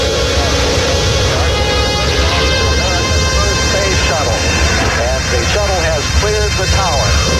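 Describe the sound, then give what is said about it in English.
The space shuttle Columbia's main engines roar at launch after a countdown, a steady, loud, rumbling wall of noise that holds for several seconds while a voice speaks over it. “8, 7, 6, 5, 4, we've got the main engine.”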